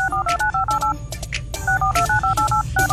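A rapid run of telephone touch tones being dialed, short dual-pitched beeps in quick succession, loud, with a brief pause midway before the dialing continues.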